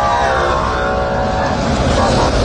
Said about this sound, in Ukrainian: Дійсно, зараз проїхали автобуси швидкі, ну і всі, хто супроводжував цей обмін.